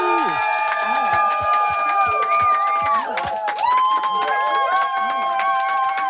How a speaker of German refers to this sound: Na, das Publikum hierinnen ist begeistert